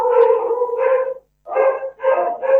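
Dogs bark and yowl in drawn-out, tonal bursts: one long stretch, a brief pause, then two more quick outbursts. No one speaks.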